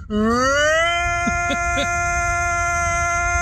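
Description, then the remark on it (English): A human voice imitates a tornado siren as an 'ultra tornado sound', one long sustained wail that rises steeply in pitch during the first second and then holds a steady, loud, buzzy tone with faint brief warbles. “Beware, that's not a real tornado siren.”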